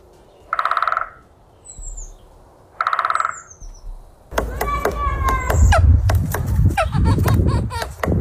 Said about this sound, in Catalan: Què és això? És un ocell. Ah, sí. És un ocell.